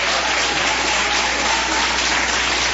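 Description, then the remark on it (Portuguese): A church audience claps steadily in joyful applause for Jesus, a dense, continuous wash of many hands at even loudness, filling the whole moment with no voices standing out. “Vamos receber o Senhor de Deus com palmas bem alegres para Jesus.”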